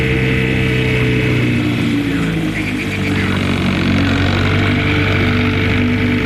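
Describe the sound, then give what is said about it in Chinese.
A small motorboat engine drones steadily throughout, loud, with a continuous low rumbling hum and a slight churning texture; no voices. The small boat is being driven away toward a small-boat pier. “说完跳上小艇，向小艇码头驶去。”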